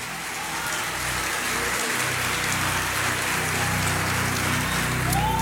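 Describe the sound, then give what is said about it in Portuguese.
An audience at a worship service applauds the Holy Spirit steadily, a dense wash of clapping at an even, fairly loud level for several seconds, with no voices breaking through. “Quem pode aplaudir é o Espírito Santo.”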